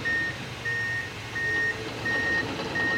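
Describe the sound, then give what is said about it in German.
A vehicle's reversing alarm beeps steadily, about five even tones in a row, over the low rumble of a heavy engine at a busy construction site on the northern part of Bettembourg station, which is being modernized. No one speaks. “Schon sind darin enge Mond aus der Chantier am nördlichen Teil von der Beteburger Gare am Gangen.”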